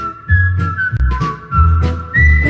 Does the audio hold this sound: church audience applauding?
no